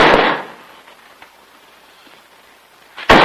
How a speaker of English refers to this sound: They stand before a closed door scrawled with the words, Keep Out, Storeroom. Jim opens it to reveal Bill dropping a nail barrel against the bare floor.